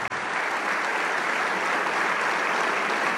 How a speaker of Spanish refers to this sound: Y le damos un aplauso al Rey de Reyes.